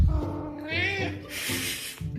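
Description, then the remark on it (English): A cat named Ollie, just in from outside at 6 o'clock dinner time, meows for his food: a wavering, drawn-out cry followed by a breathy, hissing stretch of noise, with no one talking over it. “So it's 6 o'clock, it's dinner time, and my cat Ollie has come in from outside and now he's being noisy.”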